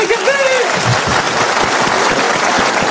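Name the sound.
audience applause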